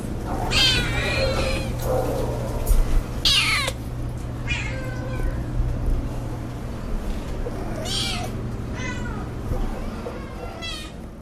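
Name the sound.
cat meowing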